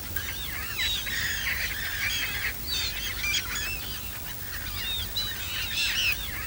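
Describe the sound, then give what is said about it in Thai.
A flock of migratory ducks squawks and honks continuously at a marsh in the Mai Po nature reserve, Hong Kong, many overlapping calls layered over a steady low rumble of outdoor ambience. “บึงน้ำด้านหลังเป็นที่อาศัยของเป็ดน้ำย้ายถิ่นมากมายที่ดูได้อย่างใกล้ชิด”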